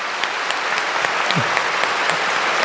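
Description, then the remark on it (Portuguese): A crowd claps steadily for the priests, a dense wash of many hands filling the whole stretch, loud and continuous with sharper individual claps popping out now and then. “Vamos dar uma salva de palmas para os padres mais uma vez.”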